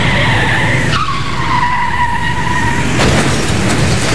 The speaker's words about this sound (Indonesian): Waduh, tidak. Hancur mobil saya.